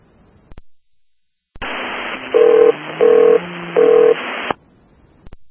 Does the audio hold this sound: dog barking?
no